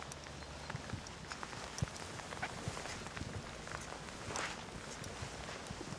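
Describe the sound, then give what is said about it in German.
Steady footsteps of a person walking outdoors while leading a one-year-old animal, a series of soft, evenly paced steps set against a constant wash of light rain with no one talking. “Okay, ich lauf jetzt mal.”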